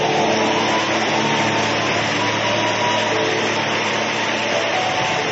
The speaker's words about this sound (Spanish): Alguien que le dé aplausos al Señor.